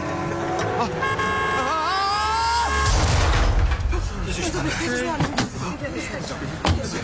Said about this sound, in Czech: Vlítnul mi pod auto. No viděli jste to?